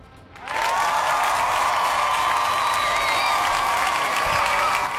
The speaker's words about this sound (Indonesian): Itu sama-sama 33%, yaudah kita kasih tepuk tangan ya.